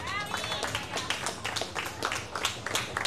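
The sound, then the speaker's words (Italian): An audience applauds with dense, steady clapping throughout, lively, with a brief raised voice or whoop at the very start. “Per dimenticare, un grande applauso!”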